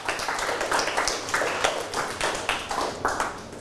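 A group of students in class clap for themselves at the teacher's prompt, a dense patter of sharp overlapping claps that keeps a fairly steady, loud level for a few seconds with no one speaking.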